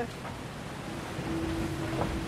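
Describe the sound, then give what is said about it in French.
A boat's steady rushing roar of water and wind as it gradually gathers speed and prepares to lift off the water, with a low engine drone coming in partway and the noise swelling slightly. “Le bateau qui peu à peu prend de la vitesse, on le sent, et qui se prépare à décoller.”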